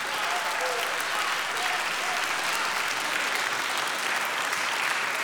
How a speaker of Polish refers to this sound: Wielkie brawa, bardzo dziękujemy.